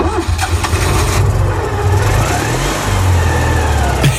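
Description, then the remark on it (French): A small Citroën 2CV car engine revs loudly and steadily, with a rough, buzzing low-pitched drone that rises and falls slightly over a few seconds. “Si c'est confirmé, la deux chevaux arrivera sur le marché sans faire de bruit. En tout cas pas celui-là.”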